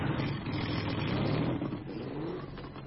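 An ETZ 125 motorcycle engine revs loudly, its two-stroke buzz climbing in pitch mid-way before settling into a steady, throaty drone. No voices.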